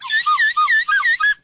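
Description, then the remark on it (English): A slide whistle swoops up and down in a quick series of about six wavering glides, bright and fairly loud, then cuts off abruptly with no voices. “a slide whistle. Slightly used, but there you go.”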